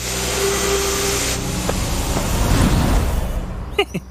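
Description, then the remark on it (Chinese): A drone, used to search for house number 404 among many houses on complex terrain, flies with a steady, buzzing motor whine layered over broad airy noise, holding level for several seconds before a few short chirping sounds at the end. “有道理，这里房屋这么多，地形又复杂，要不咱们用无人机找找404在哪儿吧。”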